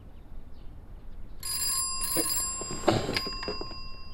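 An old-style telephone bell starts ringing partway through, a bright metallic trill, fairly loud over a low background hiss, with no voices.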